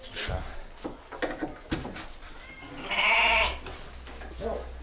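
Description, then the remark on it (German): Goats bleat, one loud, wavering cry standing out among shorter calls, with clinks and shuffling noises of a barn around them. “darf, besser muss, wieder zu den Ziegen.”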